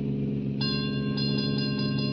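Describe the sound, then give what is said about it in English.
A stopped car's engine idles with a low, steady rumble at a small rail junction just across the border into Oklahoma, on an airless, dry day, while a train passes; a sustained ringing tone sets in partway through and holds to the end. “I stopped a car at a sleepy little junction just across the border into Oklahoma to let a train pass by.”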